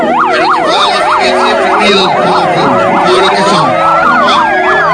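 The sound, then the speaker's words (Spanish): Several loud commemorative sirens wail together during a remembrance, their rapid rising-and-falling tones overlapping continuously, with a slower rising siren joining in near the end and faint voices underneath. “Entonces, en este momento, escuchamos esa sirena que nos recuerda también la unión que tuvimos como pueblo, que nunca más vivamos cosas así.”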